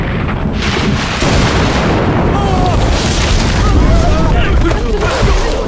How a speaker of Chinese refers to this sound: 跟你们说过我不怕打雷。